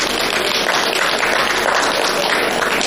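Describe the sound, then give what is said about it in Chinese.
Steady audience applause at a Chinese quyi (folk performing arts) stage show, a dense wash of many hands clapping at a constant, fairly loud level throughout, with no voices standing out above it. “不是要鼓您就鼓齐了呀。”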